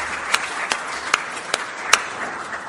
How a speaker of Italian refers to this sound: alla signora Franca che è collegata con noi, a cui vi propongo di rizzare un applauso affettuoso.